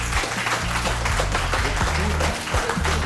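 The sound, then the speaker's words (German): Dense, sustained applause from an audience thanking helpers for their service during floods and other emergencies, a steady wash of many hands clapping at once with a low rumble of crowd noise underneath. “Jetzt gab es gerade richtig viel Applaus, möchte ich mal die Beteiligten selbst einfach querbeet fragen.”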